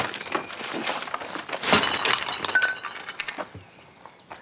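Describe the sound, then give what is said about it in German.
A heavy shopping bag hits the floor and a glass bottle shatters, followed by a rattling spill of bright, tinkling shards and clinks that gradually settle and fade. “Ups. Deswegen von unten nehmen.”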